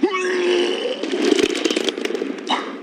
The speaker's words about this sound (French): Oh merde! Qu'est-ce qu'il y a? Vous êtes malade en voiture? Non, c'est parce que quand je suis content, je vomis. Et là, je suis hyper content.